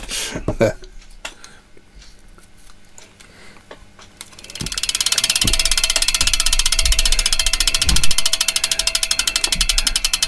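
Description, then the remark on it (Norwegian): After a few seconds of muffled voices and handling noise, a loud, rapid mechanical ticking starts up, like a ratchet clicking in a fast, steady rhythm until the end. “Tror du han når hit før tikkalyden er over?”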